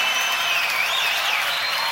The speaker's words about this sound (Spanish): Fuerte el aplauso para toda la banda de …, loco, acá.